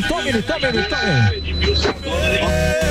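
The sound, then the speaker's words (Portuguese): A car horn honks in long, steady, buzzing blasts with a harsh, bright tone during a honking session ('buzinaço'), layered over gliding voice-like pitches and a constant low rumble. “Vamos pro buzilaço. E tome, buzina.”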